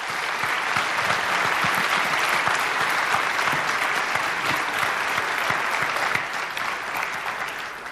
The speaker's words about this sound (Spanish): ¿Y por qué no les dan un aplauso, por favor?